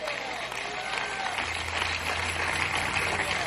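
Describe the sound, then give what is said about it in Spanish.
A church audience claps steadily together in a loud applause to the Lord, a dense wash of applause with a low hum underneath and no speech over it. “Denle un fuerte aplauso al Señor en esta hora.”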